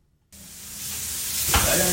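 Steady sizzling of food frying in a hot pan in a restaurant kitchen as the restaurant owner prepares the day's lunch; it starts abruptly and grows louder and hissier, with a brief clatter of stirring partway through.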